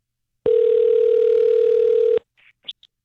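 A loud, steady telephone dial tone hums for almost two seconds, then cuts off and is followed by a few quick, quieter dialing beeps as a phone number is dialed to call a contest winner. No one speaks.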